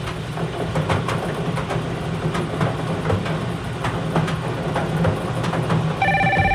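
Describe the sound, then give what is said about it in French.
A steady rumbling, clattering background with scattered clicks, then a telephone ring cuts in sharply right at the end, loud; the phone rings during a radio bingo game. “Le téléphone sonne.”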